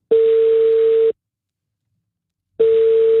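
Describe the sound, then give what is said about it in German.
A telephone ringback tone while a radio presenter places a call: a steady, fairly loud electronic tone sounds for about a second, falls silent, then starts again, with no voices. “Manchmal lohnt sich das Telefon auch abnehmen, wenn eine unbekannte Nummer anruft.”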